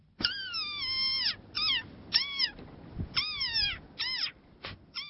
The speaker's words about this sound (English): Sounds almost made up, doesn't it? But that is the desert rain frog. Got a very high-pitched voice, as you heard, and looks very grumpy expression on its face. It can only be found in a tiny stretch of coastal sand dunes in a part of southern Africa,